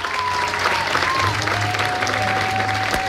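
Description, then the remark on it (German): Sustained applause from a large theater audience after the Disney show Disney's Believe, a steady dense patter of clapping at an even loudness throughout, with faint tonal hum and scattered voices mixed in underneath. “Applaus in diesem Theater.”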